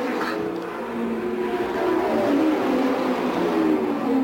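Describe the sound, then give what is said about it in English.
George Snyder's race car engine drones steadily and climbs slightly in pitch as the car pulls out of the pits back onto the track after a pit stop, with layered whining harmonics over a constant roar and no voices. “Foyt just went up and checked with George Snyder, handed him something to drink, and the car goes back out on the track in what would be about an average pit stop.”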